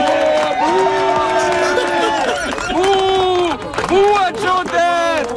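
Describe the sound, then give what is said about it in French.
A man shouts long, drawn-out boos several times over the steady roar of a noisy crowd, each jeer rising and falling in pitch while others clap and holler around him. “Le gars qui crie « bouh » à Joe Dette à la fin, là, c'est François Legault, hein?”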